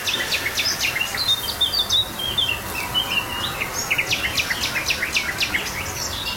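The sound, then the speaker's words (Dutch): An early-morning dawn chorus heard while cycling the Kooibomenpad in Weerribben-Wieden National Park: garden warbler, nightingale, blackcap and icterine warbler songs overlap in rapid, fluty and chattering phrases, steady and continuous over a soft outdoor hiss, with someone hammering in the background. “fietsen 's morgens vroeg het Kooibomenpad in Nationaal Park Werebewiede en horen tuinfluiter, nachtegaal, zwartkop en spotvogel.”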